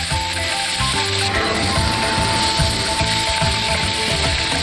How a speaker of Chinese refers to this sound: 将鹅肉中的水分全部炒出，加入高度白酒没过鹅肉。